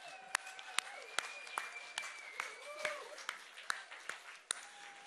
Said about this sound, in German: Also einmal Applaus für euch. Ihr seid der Hammer.